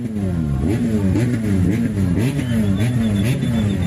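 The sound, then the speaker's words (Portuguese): Loud engines rev continuously at the Magude Meat Festival in Maputo province, their low, droning pitch repeatedly climbing and dipping in uneven surges, with no pause across the few seconds. “Para além da habitual música dos amplificadores e alto-falantes, houve quem entendeu que o festival também era feito do roncar dos motores e os roncou.”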